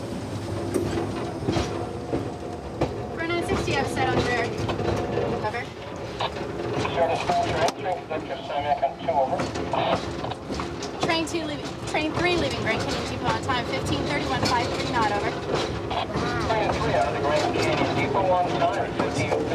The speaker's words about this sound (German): Der Zug wurde inzwischen umgedreht und die Lok steht wieder in Fahrtrichtung.